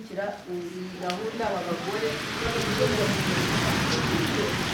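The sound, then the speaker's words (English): Steady rain drums on a hall roof overhead, heard from a retreat room: a dense hiss of drops that swells and holds loud after a few seconds, with a voice speaking briefly under it at the start. “For most of the week, it's been bright and sunny, but on the final day, the rain is drumming on the hall roof as I sit in the retreat room, surrounded by the women's coloured scarves and notebooks.”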